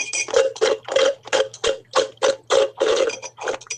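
A straw slurps at the bottom of an empty iced coffee during a hydration break on a Radio Regenbogen broadcast, making a rapid series of rough, gurgling sucks in an uneven rhythm, with no talking. A low steady hum runs underneath.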